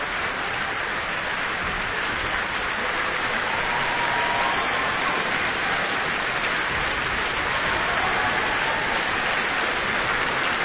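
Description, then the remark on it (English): Sustained applause from a concert audience after an orchestra performs a Prokofiev work, as conductor Benjamin Northey gestures for the principal players to acknowledge it; a dense, even wash of clapping that stays steady and loud throughout, with no voices standing out. “Benjamin Northey is gesturing that the various principal players in the orchestra should acknowledge the applause.”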